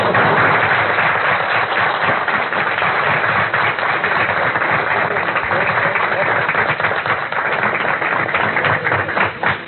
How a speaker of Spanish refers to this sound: Pedimos un gran aplauso para él.